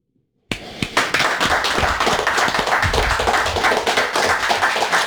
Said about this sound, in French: J'applaudis. J'applaudis, j'en tape mon micro.